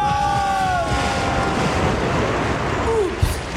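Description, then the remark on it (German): A heavy rush of churning water roars steadily as a large woman jumps from a 10-metre diving board and sends out a tidal wave, like a massive splash surging outward, with faint whistling tones early on and a brief thud near the end. “gibt eine Flutwelle.”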